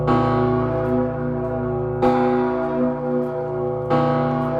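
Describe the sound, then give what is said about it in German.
A huge, deep bell tolls three times at slow, steady intervals, each loud strike blooming into a rich, humming ring that sustains and overlaps the next, with no voices present. It is the Bell of the Fallen, or Peace Bell, hanging at a First World War memorial in Rovereto, northern Italy. “ist der Name der gefallenen Glocke oder auch Friedensglocke und sie hängt im norditalienischen Rovereto bei einer Gedenkstätte und erinnert an den Ersten Weltkrieg.”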